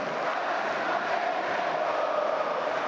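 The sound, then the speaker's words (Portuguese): A big stadium crowd of Flamengo fans chants and roars continuously at the Maracanã during a Flamengo vs Coritiba football match, a dense, steady wall of voices from thousands of fans with no pauses, loud. “Eu vou com a torcida do Flamengo agora.”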